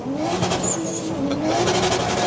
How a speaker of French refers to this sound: J'aime beaucoup le bruit de ton moteur. Ah bah ça, tout le monde l'aime bien. Ah, qu'est-ce que ça vrombit, c'est extraordinaire.